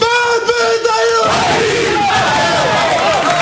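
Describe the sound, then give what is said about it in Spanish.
The Athletic team shouts a loud, sustained war cry of "¡Vamos!" together in their locker room, one drawn-out yell breaking into a noisy, overlapping roar of many people. “¿Era el grito? A ver el grito.”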